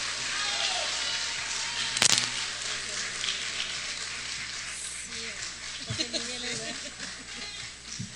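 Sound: audience applause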